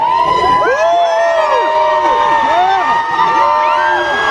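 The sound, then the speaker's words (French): A frenzied crowd cheers and screams continuously as a singer leaves the Royal Monceau hotel, with many high-pitched voices shrieking and whooping over one another in a loud, dense, unbroken roar. “Et une foule complètement en délire sous le regard ému de la star québécoise qui aperçoit très vite juste en face un présentoir de pommes d'amour préparé par des fans.”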